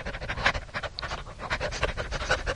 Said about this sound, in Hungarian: De mi az ott? Szemben egy kutya vacog. Ha lépek, ő is lép. Ugyanúgy léheg, mint én.